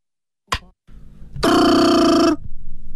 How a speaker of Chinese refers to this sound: 电话铃声闯入了张用秀的思绪。